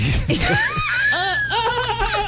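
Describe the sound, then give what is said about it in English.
A person's voice imitates a dolphin in the early morning with a quick run of high, squeaky whistles and chattering chirps that swoop up and down in pitch, fairly loud over a low steady hum. “It's hard to make dolphin sounds this early in the morning.”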